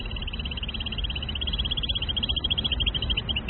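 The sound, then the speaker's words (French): A female bird's fast, continuous trill of rapid high-pitched notes runs steadily for several seconds, a little uneven toward the end, over a constant low rumble of background noise. “Alors là, je vous montre d'abord juste théoriquement à quoi ça ressemble, les petites trilles que les femelles peuvent faire justement lorsqu'elles entendent des postures.”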